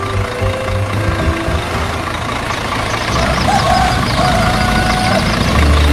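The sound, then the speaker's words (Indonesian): An open-bed truck, ready to carry passengers, idles with a loud, steady low engine rumble throughout, joined midway by a brief faint whining tone before the engine noise swells slightly toward the end. “Uniknya lagi, kendaraan yang dipilih bukan mobil mewah, melainkan sebuah truk dengan bak terbuka yang siap mengangkut para penumpang, lengkap dengan cerita, tawa, dan tentu saja gosip yang akan mengiringi perjalanan sepanjang jalan.”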